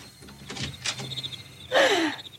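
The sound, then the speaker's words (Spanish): A few soft knocks and clicks of a latch, then a loud creak as a house door swings open for someone who has been knocking, its hinge squeal sliding downward in pitch. No one speaks. “Vamos, déjenme abrir la puerta.”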